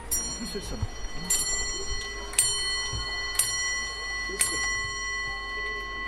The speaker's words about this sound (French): Bon, on peut percevoir un tic-tac, effectivement, dans le chalet.